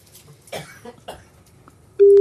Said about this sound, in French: Ça sonne chez monsieur Vallée. Deuxième sonnerie.